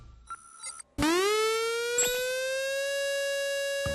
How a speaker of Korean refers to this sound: 이 소리는 화재경보기가 아니라 민방공 경보입니다. 민방공 경보요? 그게 뭔데요? 민방공 경보란 적의 항공기나 미사일 등에 의한 공격이 예상되거나 공격 중일 때 그 사실을 국민들에게 신속히 전파하기 위한 것입니다.